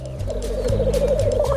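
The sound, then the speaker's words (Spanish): A chorus of male black grouse gathering at a lek at dawn: continuous, rolling bubbling coos from several birds, with loud, breathy hissing calls bursting in over the top. No voices. “Con la alborada, los gallos lira comienzan a reunirse en el lek.”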